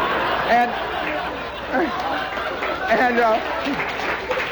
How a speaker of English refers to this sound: Now, wait a minute, gang. I sense irony in that applause. Are you applauding the animal life of Hammond, Indiana? Or is it fire plugs you like, you know?